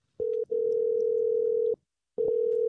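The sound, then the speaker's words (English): A loud, steady telephone dial tone hums at a single low pitch, briefly clipped near the start, then cuts out for a moment before resuming, while trying another phone number. No voices are heard. “Okay, let me try another number.”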